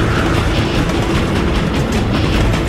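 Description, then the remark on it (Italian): A freight train rumbles past on the rails, a loud, continuous roar of heavy wheels with faint clattering, steady throughout. “Sti numeri dicono che fra 12 secondi un treno merci entrerà nello studio dove sta registrando il doppiatore di questo film!”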